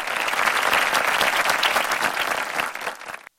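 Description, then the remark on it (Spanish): Dense, steady applause from a crowd, many hands clapping in a loud continuous wash that thins out briefly before cutting off abruptly at the end. “Así, después de esos aplausos muy motivadores, nos vamos con música.”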